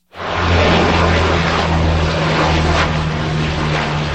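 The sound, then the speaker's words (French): A Canadair water bomber propeller plane roars loudly and steadily while fighting wildfires in Gironde, France, around Lège-Cap-Ferret, a dense rushing engine noise with a low droning hum underneath that holds for the whole stretch. No one speaks. “Des avions, dont des Canadair, effectuent des largages sur de larges zones.”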